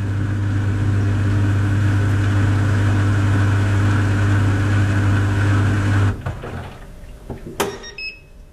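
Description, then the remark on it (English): A small European clothes dryer runs with a steady, low droning hum, then shuts off abruptly, followed by a few clicks and a short, high electronic beep. “Okay, let's listen to that because now I'm really curious what this dryer sounds like.”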